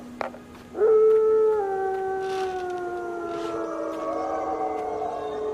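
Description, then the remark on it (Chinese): A lead wolf lets out one long, unbroken howl to call its companions, swelling in quickly, then holding a steady, slightly falling tone for several seconds, loud and alone with no voices. “这个头狼啊，要召唤他的同伴。”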